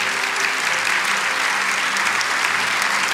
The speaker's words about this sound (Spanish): Oh, ¿cuánto pueden darle un aplauso al Señor por ese tremendo pasaje de Dios?